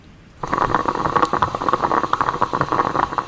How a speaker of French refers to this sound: C'est la machine à café. Le perco. C'est une cafetière italienne, ouais. J'avoue, moi ça me procure beaucoup de plaisir.